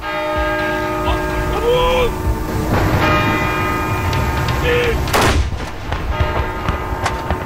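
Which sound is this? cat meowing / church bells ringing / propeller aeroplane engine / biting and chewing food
church bells ringing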